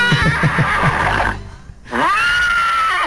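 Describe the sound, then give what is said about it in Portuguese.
A horse-neigh sound effect, set off on a computer whenever the nickname Valmir Cavalo is said, whinnies loudly: a shaky, rapidly pulsing neigh that breaks off briefly, then resumes with a long, high, wavering cry trailing away. “A gente não pode nem falar Valmir Cavalo, que o computador aqui já dispara.”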